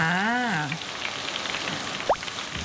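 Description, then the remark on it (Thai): Fish and finely pounded garlic sizzle in hot oil for a turmeric fried fish dish, a dense steady crackling hiss that runs the whole time, fairly loud, with a voice briefly heard at the start; kaffir lime leaves and chili are added as the last panful is nearly cooked. “ระหว่างกระทะสุดท้าย กำลังจะสุกเราก็ใส่ใบมะกรูดกับพริกครับ”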